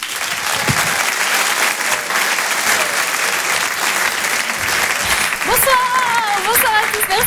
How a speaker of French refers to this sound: Je vous demande d'applaudir chaleureusement s'il vous plaît,